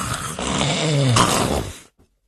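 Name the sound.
storyteller imitating loud snoring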